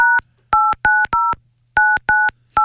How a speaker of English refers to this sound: Good start. Oh, hey. Some good dialing.